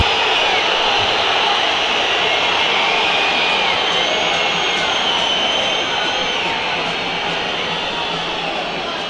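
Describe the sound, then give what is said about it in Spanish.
A massive stadium crowd whistles in disapproval at River as the team heads into the tunnel after a loss: a loud, unbroken wall of shrill, hissing whistles that holds steady throughout, with scattered piercing whistle tones poking above the din. “Es verdad que hoy el partido de River, cuando escuchamos esa lluvia de silbido, mejor hago silencio, que hable la gente.”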